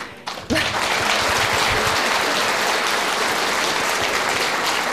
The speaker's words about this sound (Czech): Když dovolíte, tak ten potlesk posíláme nahoru jim.